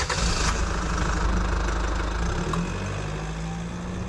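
A car engine turns over and settles into a steady, low idling rumble, fairly loud, with no voices, holding an even drone for several seconds, as the car is about to set off for a friends' house.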